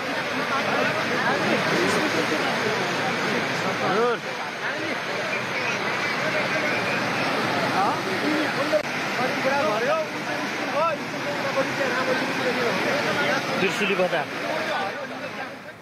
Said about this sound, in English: Meanwhile, Nepal's Trishuli area is completely inundated with flood water sweeping through streets and buildings.